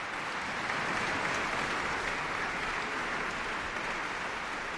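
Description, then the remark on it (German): Sustained applause from a large concert audience in the Sala Teatro in Lugano after Alban Berg's Violin Concerto, played by soloist Veronika Eberle with the Orchestra della Svizzera Italiana conducted by Lorenzo Viotti. A dense, steady wash of many hands clapping at an even loudness throughout, with no voices standing out. “Erst einmal ist es ganz still in der Sala Teatro in Lugano und dann bricht laut der Applaus los.”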